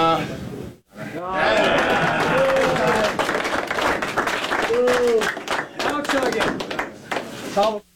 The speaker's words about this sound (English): Afterwards, it was Greenway handing the belt off to Benson. So, big cheer for that.